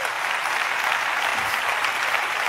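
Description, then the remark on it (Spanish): Steady applause from a group, given at the speaker's call, fills the whole stretch, a dense, even patter of many hands clapping at once with no voices on top. “Dale, dice, dale el aplauso.”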